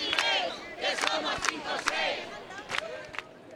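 A crowd at a housing protest encampment rally, convened by the collective Un Techo por Derecho with support from the Sindicato de Inquilinas and the encampment's assembly, shouting and chanting together: many overlapping raised voices forming a loud, steady roar with rising rhythmic bursts and sharp individual cries cutting through.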